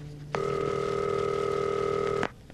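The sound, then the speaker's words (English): A telephone rings once, a steady electronic tone lasting about two seconds before cutting off abruptly, heard clearly and alone with no voices. “Oh, I'm really glad you answered the phone.”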